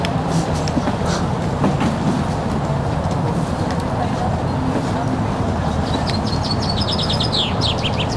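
Birds chirp and tweet among trees, with a cluster of quick, bright calls near the end, all over a constant low rumble of traffic from the périphérique ring road.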